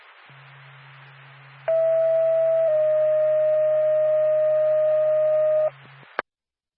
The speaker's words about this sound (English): Lancaster Ambulance, stand by for tone.